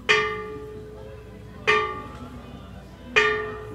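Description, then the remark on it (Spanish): Three loud, ringing strikes of the bells of a bell tower that belonged to the church of Nuestra Señora de Santa María del Rosario, spaced evenly about a second and a half apart, each with a bright metallic attack and a long humming decay that overlaps the next. “Son las campanas, precisamente, de un campanario que perteneció a la iglesia Nuestra Señora de Santa María del Rosario y que sonaron cuando don José de San Martín nos brindó ese primer grito emancipador, ese primer grito de independencia.”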